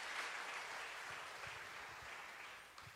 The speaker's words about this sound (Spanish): Aplauda a Cristo con toda su fuerza.